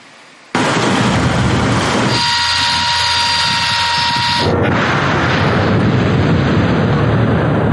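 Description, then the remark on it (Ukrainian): A single artillery gun of an air assault corps crew fires at an enemy target found by a reconnaissance drone, with a sudden, very loud blast, followed by a heavy sustained roar and rumble that lasts several seconds. No one speaks. “Черговий передає її на потрібний засіб ураження, а екіпаж відкриває вогонь.”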